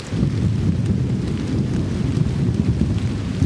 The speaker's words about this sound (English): Nothing sounds, well, maybe some things, but thunderstorms in the desert usually sound pretty good.